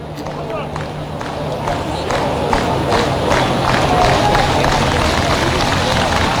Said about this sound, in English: Crowd urging Sabato on. Another really good crowd tonight in St. Paul.